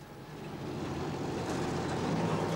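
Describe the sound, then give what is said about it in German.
Noisy tractor engines rumble steadily in morning rush-hour village traffic, a dense, continuous mechanical drone that swells slightly and then holds at a constant loudness, with no voices. “Gemütlich zu Fuß, per Fahrrad, Pferde- oder Ochsenkarren oder mit lärmenden Traktoren.”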